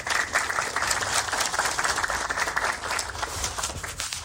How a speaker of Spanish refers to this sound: Aplausos.